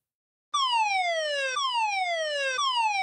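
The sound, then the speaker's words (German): After a brief silence, a loud civil warning siren starts wailing in repeated falling sweeps, each about a second long, with no voices over it, sounding during Germany's nationwide warning day. “An einigen Orten kam dann auch noch Sirenengeheul dazu.”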